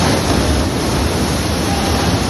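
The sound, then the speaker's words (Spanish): A tunnel boring machine's huge cutting rings grind through the ground in a loud, continuous roar while it excavates the Line 11 metro extension tunnel in Madrid, pushing soil aside as it reaches the future Madrid Río station under Paseo de Yeserías; a dense steady rumble with no breaks and no voices. “Bueno, esto que escuchas son los inmensos anillos de corte horadando el terreno.”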